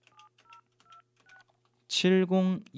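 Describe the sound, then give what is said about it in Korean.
A quick run of about six telephone keypad dialing tones as a radio host picks up the receiver to phone a listener, each a short two-note beep at a steady pace, followed by a loud voice that starts talking. “자 다른 분한테 전화하고 있었는데 제 수화기를 들고 네. 한번 전화 한번 해볼게요.”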